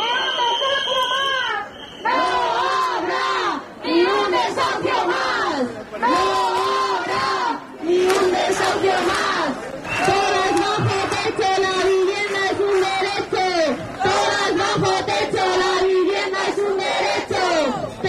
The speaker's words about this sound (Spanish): Están escuchando uno de los sonidos del fin de semana. Más de 2.000 personas, según datos de la delegación del Gobierno, se manifestaban el sábado por la vivienda.